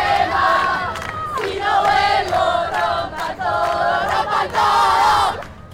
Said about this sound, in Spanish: Y en Argentina, multitudinarias manifestaciones feministas al grito de ni una menos.